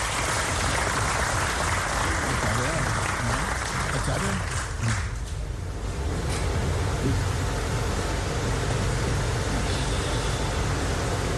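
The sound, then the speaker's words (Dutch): An audience applauds Mr. Michael Ashwin Adin: a dense, even wash of clapping that holds at full strength for the whole stretch with no break, some murmuring voices mixed in beneath it. “Mag ik daarom wederom een fantastisch applaus voor de heer Michael Ashwin Adin.”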